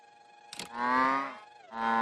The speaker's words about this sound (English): That moo sound! Yup, I heard it too. I don't think it's a cow at all. It's the drone! It is! When your drone moves, it moves!